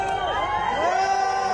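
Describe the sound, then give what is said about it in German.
A crowd of fans outside a hotel in Paris cheers and sings together for a singer, many voices blending into a steady, loud chorus with rising and falling melodic lines and a few higher shouts mixed in. “Die Fans singen sogar für sie.”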